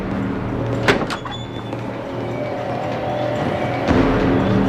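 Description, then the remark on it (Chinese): A washroom door at a workplace bangs shut with a sharp thump and rattle, followed by a second knock and a faint creak later, set against a steady low background hum. “扎进了单位的洗手间，来不及等关门，就接起了电话。”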